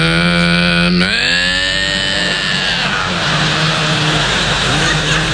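A lawnmower engine drones with a steady buzzing tone, revs upward sharply after a second, then settles into a rougher, noisier running roar that continues loudly to the end.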